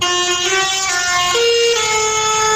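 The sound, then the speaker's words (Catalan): Loud, sustained tractor horns blare over one another during a tractor protest in the streets of Lleida, Catalonia, called by young farmers and ranchers against rising fuel prices; several overlapping tones held continuously against a busy outdoor street background with no talking. “En aquest cas són els tractors que s'han fet sentir pels carrers de Lleida, tracturada convocada pels joves agricultors i ramaders de Catalunya, en concret contra l'augment dels preus dels carburants.”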